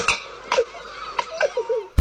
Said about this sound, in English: It's a fox. Yeah, because of course it's a fox. Yeah. Come on, guys. Yeah, now how would we not guess that a fox was doing that?